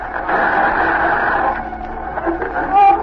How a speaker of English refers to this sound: There's the interference again. Turn off the radio.